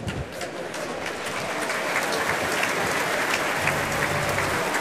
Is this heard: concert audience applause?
yes